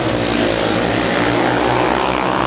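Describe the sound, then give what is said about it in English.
A loud, steady engine roar with a deep, throbbing low rumble, sustained throughout, like a heavy vehicle revving hard, from a truck in a rough truck contest at the Coshocton County Fair. “Rough truck contest.”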